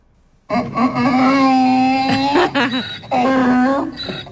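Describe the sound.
A person attempts a donkey's bray with two drawn-out, wailing vocal cries separated by a brief break; the imitation comes out thin and whiny, closer to a meow than a true hee-haw.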